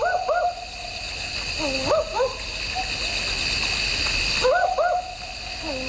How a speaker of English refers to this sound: We were speaking earlier about the barking owl on the program. You might have heard this.